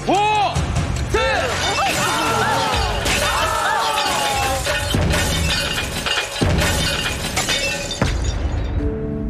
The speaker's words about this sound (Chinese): 如果车体离开叉车臂距离过大，当玻璃塔崩塌时，汽车很有可能发生侧翻。